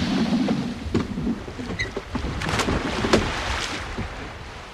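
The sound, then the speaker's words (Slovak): A small boat is shoved off into the sea, with scraping, knocking and sloshing water over a steady wash of surf. No one speaks. “Prečo si odtisol svoj čln späť na more?”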